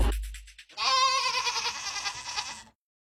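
A single goat bleats loudly, a long wavering nasal cry lasting about two seconds, preceded by a brief low thump and a short pause.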